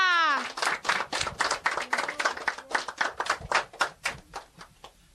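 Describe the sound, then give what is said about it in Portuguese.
Steady rhythmic clapping from a group applauding a friend who took part in athletics, fairly loud and even at about four claps a second, opening with a brief falling vocal cry. “Palmas pra ela!”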